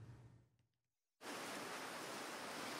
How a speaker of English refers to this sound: The waves still roll in at Bondi Beach. Kids run along the sand, surfers paddle out, tourists snap photos.